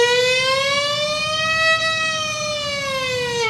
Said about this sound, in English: There was an ambulance going down the road.